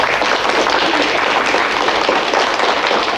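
Steady audience applause welcomes an 11-year-old electric bass player invited onto a music programme, a dense wash of many hands clapping at an even, fairly loud level throughout, with no voices standing out.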